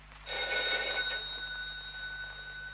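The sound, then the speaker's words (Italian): A telephone bell rings in a single sustained burst, bright and metallic, its tone lingering and slowly fading afterward. No one speaks. “Lidia, rispondi al telefono, Lidia.”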